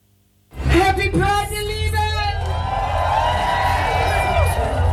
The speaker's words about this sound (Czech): Hamburg Pride je v plném proudu, městem procházejí tisíce lidí, ale kromě nich jsou tady taky vozy, kamiony, na kterých se tančí a duní z nich hudba.